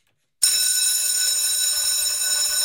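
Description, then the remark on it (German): A school bell in the canton of Nidwalden, Switzerland, bursts in after a moment of silence and rings continuously, loud, bright and shrill, with a steady metallic buzz that holds without pause. No one speaks. “Ab der Glocke kein Handy mehr, auch in der Pause nicht.”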